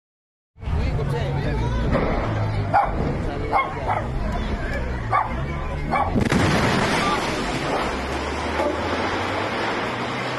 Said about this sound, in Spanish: Iniciamos en el Estado de México, donde el pánico se apoderó de los vecinos de Coacalco cuando una explosión sacudió una gasera.